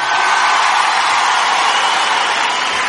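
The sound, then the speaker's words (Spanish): A large crowd shouts a war cry together in a loud, sustained roar, a dense wall of voices holding steady for the whole stretch with scattered whoops rising out of it. “¡Fuerte! ¡Grito de guerra!”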